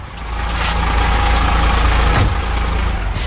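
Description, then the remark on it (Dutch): The engine of one of a transport company's many trucks idles steadily, a deep continuous rumble with a faint high whine above it and a brief hiss partway through. “Zo, meneer Van Laan, een van de vele vrachtwagens, hè?”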